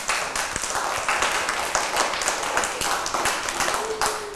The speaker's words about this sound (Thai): ปรบมือให้กับเพลงนี้นะคะ